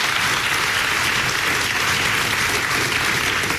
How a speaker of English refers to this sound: So please, a round of applause for Dr. Chervinsky.